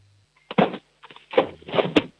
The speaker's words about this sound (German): Du, und dann hätte ich gerne jetzt mal, dass du noch in die Küche läufst und einen Kochtopf holst und einen Löffel und mit dem so richtig draufschlagst auf den Kochtopf. Geht das? Ja. Super. Kochtopf, Löffel. Und so richtig Lärm machen